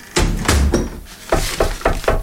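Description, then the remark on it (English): A back door is slammed shut hard, a loud thump followed by several more heavy knocks and rattles in quick succession, with no voices. “You shut the door right in me face.”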